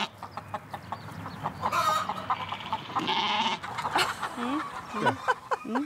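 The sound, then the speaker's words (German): A flock of about 200 chickens, with sheep among them, clucks and squawks in a dense, overlapping chorus, with a louder burst of cackling partway through and occasional bleating-like calls mixed in. “Wie viele Hühner sind denn das hier? Das sind knapp 300, nicht mehr 300, ne?”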